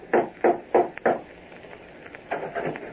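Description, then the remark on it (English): Four firm, evenly spaced knocks on the door of a house, fairly loud, followed after a short pause by a softer cluster of thuds and rattling. “went to his house, and rapped on the door.”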